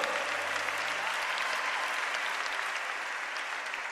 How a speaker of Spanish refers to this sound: Dele ese aplauso con libertad al Espíritu Santo de Dios. Déselo fuerte. Ese aplauso.